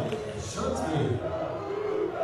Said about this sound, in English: Listen to this Cougar crowd firing it up.